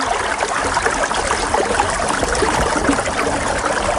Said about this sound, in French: Donc ce premier indice étant bien sûr l'écoulement d'un ruisseau. Voilà. Donc il y aurait donc un ruisseau assez important dans cette commune, visiblement.